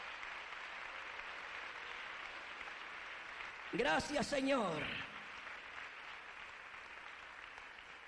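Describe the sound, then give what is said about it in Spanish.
An audience claps steadily for the Lord on a morning, in a dense, hissing wash of applause that runs the whole time, while a man's voice briefly speaks over it midway. “Dele un aplauso al Señor en esta mañana preciosa.”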